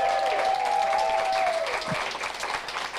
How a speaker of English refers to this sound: A big round of applause for the one and only Nancy Hayes.